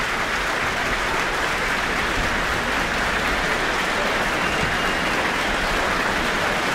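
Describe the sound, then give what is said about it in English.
Sustained, loud concert applause from a large audience after the New Zealand Symphony Orchestra under conductor Hana Chang performed Tchaikovsky's Symphony No. 5 in E minor, a dense wash of clapping with cheers mixed in, steady throughout with no pauses. “Lots of cheers from the audience immediately.”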